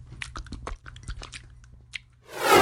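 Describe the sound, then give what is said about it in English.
A dog, Churchill, licks peanut butter-flavored oral medication gel from a Simpill device, giving quick wet smacking and slurping sounds in an irregular rhythm, followed by a loud burst of rushing noise at the end. “How about we use peanut butter Simpill today? Okay, Church. Sit. Now start licking.”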